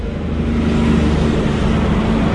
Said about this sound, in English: And as you can hear, there's traffic streaming up and down State Highway 1 that intersects the town. And I'm going to have to stop for a logging truck that's coming past. Hold on.